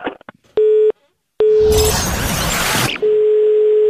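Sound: telephone busy tone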